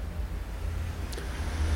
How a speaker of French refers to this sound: Deux voitures.